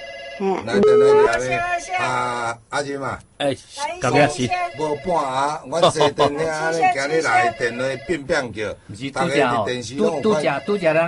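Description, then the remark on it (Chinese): A telephone rings for an incoming call during an AM 1071 broadcast, its tones mixed in with nearly continuous talking voices, all at a fairly loud level. “喂，我被打到诶。 来电来 个咧。”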